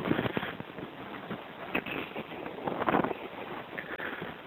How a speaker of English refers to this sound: It's windy, but and the temperature, I think, just dropped about 15 degrees. I wonder if this is the last call ever made from this payphone, because this payphone's going to be gone in 2 days.